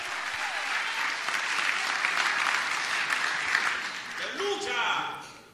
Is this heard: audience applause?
yes